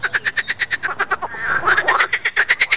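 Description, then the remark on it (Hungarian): Frogs croak steadily by a pond, a fast rhythmic pulsing of calls with overlapping voices swelling in the middle, fairly loud, with no talking. “A stúdióm egy tó mellett van, vagy egy kis tó mellett van, úgyhogy nagyon rutinos vagyok béka nevetésén.”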